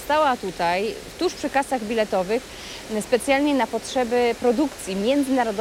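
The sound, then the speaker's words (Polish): A steady wash of splashing fountain water runs continuously in the background in the hall of Łódź Fabryczna railway station in Łódź, while a person speaks over it. “Jesteśmy właśnie na dworcu Łódź Fabryczna i ten szum, który Państwo słyszą na pewno w tle, no nie jest takim codziennym dźwiękiem, który możemy usłyszeć właśnie w przestrzeniach dworca, no ale to jest specjalna okazja, bo to jest dźwięk fontanny,”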